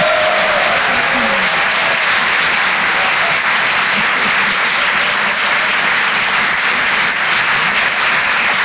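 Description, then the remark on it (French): Loud, sustained audience applause at the Rire et Chanson Comedy Club for comedian Amy London's first performance there, a dense wash of clapping hands that holds steady for the whole stretch with no talking over it. “Merci d'applaudir très fort pour sa première ce soir sur Rire et Chanson Comedy Club, Amy London.”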